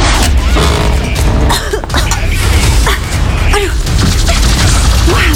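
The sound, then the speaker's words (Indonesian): A woman coughs from cigarette smoke in several rough bursts spread across a few seconds, heard under a loud, constant rumbling noise that fills the whole background. “Tuh, asap kemana-mana nih. Ah, Ibu sampai batuk-batuk tadi.”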